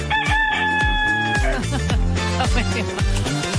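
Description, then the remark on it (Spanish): A rooster crows once, a loud, drawn-out call that holds steady and then drops off at the end, heard over a continuous, rhythmic low background. “Difónico el gallo.”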